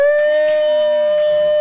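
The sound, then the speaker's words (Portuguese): A loud school alarm siren blares one steady, unbroken high-pitched tone with a harsh buzzy edge, holding at the same pitch without rising or falling. No voices are heard. “Parece o apito da Aurora.”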